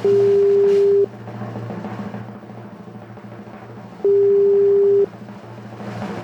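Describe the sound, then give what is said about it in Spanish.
A phone line rings out twice, each steady electronic ringback tone lasting about a second with a long pause between, loud over a low background hum, and nobody picks up. “¿Para qué tienen teléfono si no los contestan?”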